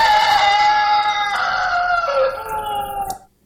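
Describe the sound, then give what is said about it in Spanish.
A rooster crows once, loud, a long strained call held for about three seconds before breaking off abruptly. No one speaks. “Gallo kunakan taramun namio, sharishungna.”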